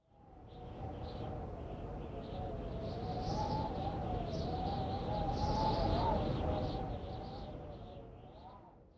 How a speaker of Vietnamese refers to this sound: Từ để diễn tả âm thanh vừa rồi là biu biu. Từ này có thể hiểu là tiếng gió rất mạnh, với câu ví dụ 風がビュービュー吹いています。 Câu ví dụ vừa rồi có thể hiểu là gió đang thổi vù vù rất mạnh.